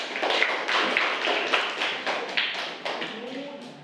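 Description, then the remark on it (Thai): A group of students in a classroom applauds group one, who are about to present their activity sheet. The applause lasts about four seconds, a dense patter of many hands clapping at a fairly even, moderate volume, with a few slightly stronger bursts throughout. “แล้วก็เดี๋ยวครูจะให้นักเรียนกลุ่มที่หนึ่งนะคะเป็นผู้นำเสนอใบกิจกรรมนี้นั่นเองค่ะขอเสียงปรบมือให้กับกลุ่มที่หนึ่งด้วยค่ะ”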